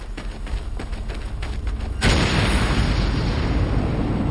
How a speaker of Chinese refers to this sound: 弹药库被炸上天时，二人仍然在爆炸区域内。